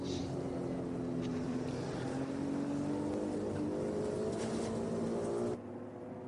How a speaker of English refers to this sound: Different noise to enjoy from the Ferrari 296 Evo. A different package of Ferrari this year. Just double-checking, that is actually the Evo. Yes, it is.